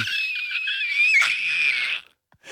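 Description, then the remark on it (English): A person screams as hard as they can, a sustained, strained high-pitched scream for about two seconds, loud, cutting off abruptly into near silence. “Is that you trying to scream as hard as you can?”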